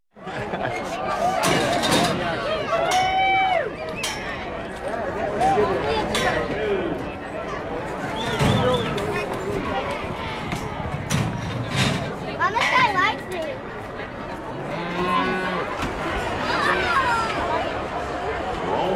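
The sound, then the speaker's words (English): Crowd ambience at the Snowmass Rodeo arena: a steady wash of overlapping chatter and babble, with occasional laughter, shouts and sharp knocks rising out of the hubbub throughout. “The sounds of the Snowmass Rodeo.”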